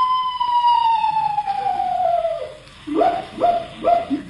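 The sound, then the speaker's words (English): A screech owl call at night: one long, wavering whistle that slides steadily down in pitch, then three short, clipped hoots in quick succession. No one speaks. “Leroy, what was that? Just a screech owl”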